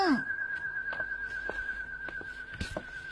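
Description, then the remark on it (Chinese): A steady high whistling tone holds almost unbroken for a few seconds, like the hum of whistles on flying pigeons, with scattered faint clicks and rustles in the background. “鸽子高兴时也吹口哨吗？”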